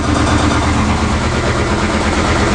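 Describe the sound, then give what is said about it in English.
A failing washing machine belonging to the Mo and Sally Morning Show hosts, recorded last week, running so loudly the TV could not be heard: a steady heavy droning rumble with a rapid rhythmic low thumping and rattling vibration throughout, no voices present. “Yeah, that was our washing machine last week. You couldn't even hear the TV.”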